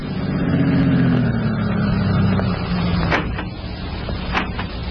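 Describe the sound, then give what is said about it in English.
A car engine hums and winds down as two men drive up to a farm entrance and stop, followed by a couple of sharp clicks and knocks as it settles. No one speaks. “Then, 1 week later, Baker was standing at the farm entrance when two men drove up and got out of their car.”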